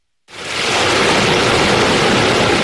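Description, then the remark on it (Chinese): Water of the Yarkand River, the longest source stream of the Tarim River, rushes through the slowly rising electronic sluice gate at the Ailiketamu intake on August 6, a loud, steady roar that cuts in abruptly after a brief silence and holds unchanged, with no voices. “8月6号，随着埃里克塔木取手的电子闸门缓缓抬升，塔里木河的最长源流叶尔羌河河水奔涌而下，水流一路绵延超过350公里，在与和田河交汇后最终汇入塔里木河干流。”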